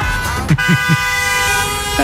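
Car horns blare in sustained, overlapping honks amid busy street traffic outside a school in Cologne during parents' drop-off chaos, with a few short bursts punctuating the steady, loud tones.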